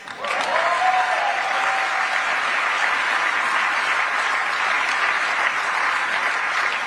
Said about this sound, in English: Are you going to clap after every